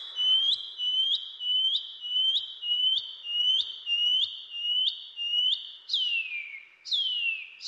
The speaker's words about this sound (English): The Pīpī Wharauroa. The Shining Cuckoo.